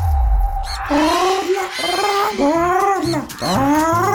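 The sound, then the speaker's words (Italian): A parrot squawks in a string of loud, whiny calls, each sliding up and down in pitch with a harsh, buzzy edge, coming one after another for about four seconds after a brief low rumble. “Anche il pappagallo te lo ricorda, perché quando l'officina meccanica è affidabile, la voce si sparge.”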